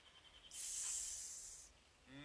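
A snake lets out one sharp, sustained hiss lasting about a second, loud, in otherwise quiet surroundings; a person's voice starts up right after it fades.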